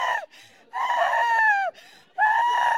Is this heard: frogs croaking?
no